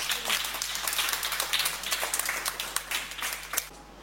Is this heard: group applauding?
yes